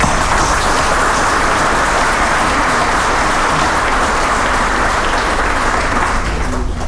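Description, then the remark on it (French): A crowd applauds steadily, a loud, dense wash of many hands clapping at once that holds evenly for about seven seconds before easing slightly at the end. No voices are heard. “ben c'est un produit de l'unité, de l'intelligence collective, et donc je veux vous remercier pour ça et je me permets de vous applaudir, tout simplement.”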